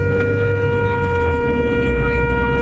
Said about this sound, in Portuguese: Só vai chegando as buzinas, vai lá.